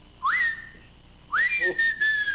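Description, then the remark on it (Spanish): A person whistles an imitation of an elegant crested tinamou call: two close, breathy notes, each sliding upward and then holding a steady tone, the second longer than the first. “Pero la martineta, la tarde como silba, boludo, eso es lluvia, ¿no?”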